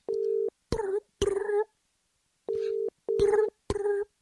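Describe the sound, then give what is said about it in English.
A British-style telephone ringback tone, as heard when calling England from across the pond, sounds over the line in steady low double pulses, with short voiced bursts, like someone mimicking or talking, breaking in between the rings. “the England ring is just a bossy ring, man. You know you're calling across the pond.”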